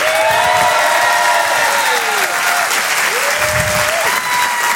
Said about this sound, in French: Rire et Chanson, Comedy Club. Je vous demande un tonnerre d'applaudissements pour Monsieur Brahms.